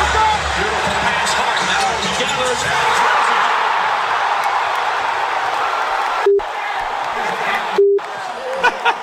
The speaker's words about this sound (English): At Radio City Music Hall, and you may think that this was like live from the stadium in Cleveland. It's not. This is just the crowd going crazy.